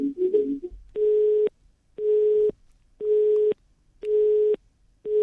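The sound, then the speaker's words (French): A telephone busy signal beeps steadily, five loud, evenly spaced tones of about half a second each with short gaps, preceded by a brief muffled clatter like a dropped call. “Un souci avec le téléphone Voilà.”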